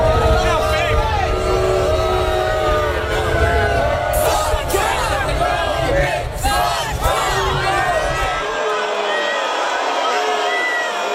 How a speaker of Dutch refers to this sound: President Trump had gisteren geen heel fijne middag. Tijdens een basketbalfinale werd hij uitgejouwd door het publiek. Eerst al toen hij naar het stadion reed en later ook toen hij binnen op grote schermen te zien was.